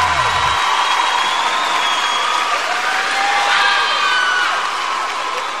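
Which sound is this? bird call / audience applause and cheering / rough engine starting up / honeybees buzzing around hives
audience applause and cheering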